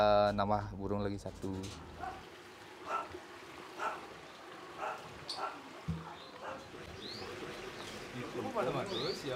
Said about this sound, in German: In Ketuts Garten haben sich sogar einige ausgewilderte Vögel angesiedelt. Die Tiere sind standorttreu, wenn ihnen die Umgebung zusagt.